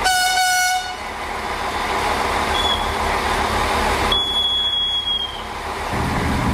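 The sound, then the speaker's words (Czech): A train rumbles steadily along the mountain section of railway line 142 from Karlovy Vary to Johanngeorgenstadt, between Nejdek, Nové Hamry and Pernink, with a short horn blast at the start and thin metallic wheel squeals rising later as it rounds sharp curves on steep slopes, no voices present. “Mezi Nejtkem, Novými Hamry a Perninkem totiž vlak musí překonat prudké svahy a ostré oblouky, podobně jako na proslulé rakouské horské dráze Semmeringbahn.”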